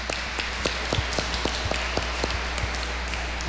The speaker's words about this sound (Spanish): Y le damos un fuerte aplauso a Alejandra en la distancia.